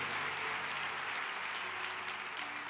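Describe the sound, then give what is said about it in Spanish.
An audience applauds the word of God in a steady, dense wash of clapping that holds at an even level for the whole moment, with no voices rising above it. “Si eso merece aplaudir la palabra de Dios.”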